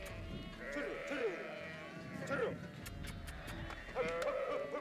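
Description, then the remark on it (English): A flock of sheep bleats over and over in overlapping, wavering cries while Peruvian shepherds call out among them, herding the flock with the help of well-trained dogs; a steady busy chorus of animals and shouting herders. “We're listening to a group of Peruvian shepherds herding their flock with the help of some well-trained dogs.”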